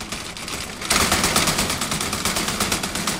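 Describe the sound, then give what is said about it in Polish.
A steel door is rattled hard as a sound effect imitating a disintegrating spaceship, producing a loud, dense metallic clatter of rapid juddering impacts that surges in after a moment and keeps grinding on. “To na przykład mamy stalowe drzwi, grały mi rozpadający się statek kosmiczny.”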